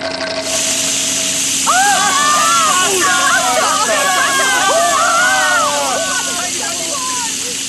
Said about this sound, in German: Tatsächlich. Wasser. Eine riesige Wasserfontäne schießt in die Höhe.